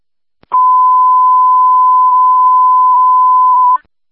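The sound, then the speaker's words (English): A steady, loud electronic radio dispatch panic alarm tone holds one unbroken pitch for about three seconds, then cuts off abruptly, with no voices. “Code 1-1, panic alarm on Adam 30-3316”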